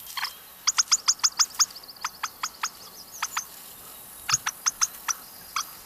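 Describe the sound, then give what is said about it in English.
A small bird gives a rapid series of sharp, squeaky pip alarm chirps, about fifteen short notes in bursts with brief pauses, clear over a quiet background. “And when the bird senses danger or is a little alarmed, it will make that little sort of pip, pip, pip, pip call.”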